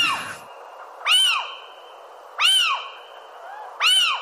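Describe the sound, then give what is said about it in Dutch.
Little owls calling in an excited duet: three loud, rising-and-falling harmonic yelps spaced evenly about every second and a half, over a thin, steady high whistle that runs throughout. “De opwindingsduet, wat romantischer misschien.”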